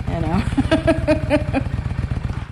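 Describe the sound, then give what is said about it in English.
A brand-new pewter gray Honda Shadow cruiser motorcycle engine idles with a steady, low, pulsing rumble, while someone's voice briefly rises over it partway through. “this year, at age 55, she got her own motorcycle permit. She has a cruiser. It's a Honda Shadow.”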